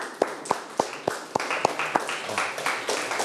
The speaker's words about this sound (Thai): เก่งมากปรบมือให้ตนเอง